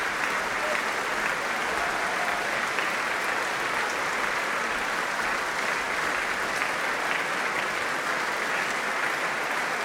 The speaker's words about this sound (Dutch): Ja, groot applaus dus voor het Rotterdams Philharmonisch Orkest.